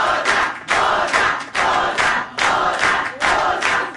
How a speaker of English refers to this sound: When … and his band finished playing, the crowd went loco. Honestly, loco.